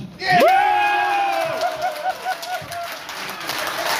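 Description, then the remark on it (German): Olympic bid supporters from Schleswig-Holstein, gathered in a hotel on the Kiel Fjord, erupt in loud cheering as Federal President Frank-Walter Steinmeier announces the German Olympic bidder on television: a shrill whoop rising at the start, then sustained shouts and scattered claps that gradually ease while staying noisy. “Jubel bei den Olympia-Unterstützern aus Schleswig-Holstein, die hier zusammengekommen sind.”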